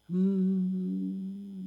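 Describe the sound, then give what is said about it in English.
A steady humming tone that starts abruptly and holds at an even pitch for under two seconds, apparently a voice imitating a refrigerator's hum. “I hear the fridge hum.”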